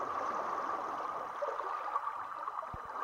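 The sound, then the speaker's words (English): Steady rushing water ambience of the Spree River in Berlin at Insula, the floating arts platform, a broad continuous wash of flowing river sound with faint gurgles, and two brief low knocks near the end, like something bumping against a floating structure. “This transmission from Berlin is curated by Blanc-Skiol and includes environmental streams and live events happening over the 24th and 25th of July on Insula, the floating arts platform on the Spree River”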